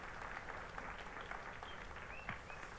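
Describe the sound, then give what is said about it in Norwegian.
A church audience applauds the organist steadily, many hands clapping in a dense, even patter that holds at a moderate level throughout, with no talking over it. “Ja, ja, gi en klapp til organisten, det er fint.”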